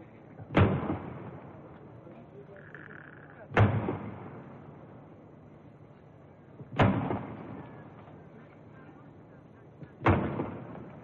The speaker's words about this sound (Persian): 50 تیر توپ به مناسبت 50 سال شاهنشاهی پهلوی شلیک می شود.